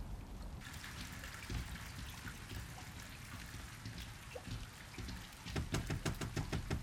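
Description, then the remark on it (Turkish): Steady, heavy storm rain hisses across the whole clip, pattering densely on a surface, with a burst of louder, rhythmic drumming hits toward the end. “Fırtınanın tam ortasındayız.”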